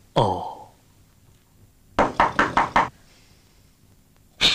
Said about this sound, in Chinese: 有人敲门了。快点快点。穿衣服。